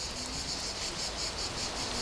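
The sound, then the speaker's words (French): Dense, steady insect buzzing fills the air, a continuous shrill drone of cicadas pulsing slightly in rhythm, moderately loud and unbroken, with no voices present. “Moi, j'entends surtout les cigales.”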